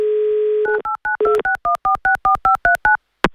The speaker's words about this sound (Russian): Пока дозваниваемся